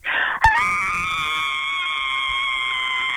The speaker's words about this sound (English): One more scream for us.